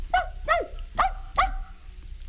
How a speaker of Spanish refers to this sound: Podía ser un perro pequeño como este.